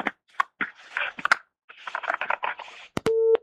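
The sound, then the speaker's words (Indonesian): Crackly, broken bursts of noise on a caller's phone line to a broadcast question-and-answer session with an Ustaz cut off, then a clicky break and a steady electronic tone begins, like a telephone busy signal after a dropped call. “Mohon maaf, tampaknya terputus.”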